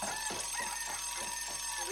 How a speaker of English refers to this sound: Wake up, wake up, wake up. It's the morning bell.